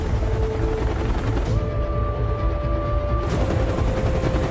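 A helicopter roars overhead, its dense rotor thump and engine whine holding steady and loud for several seconds with no voices.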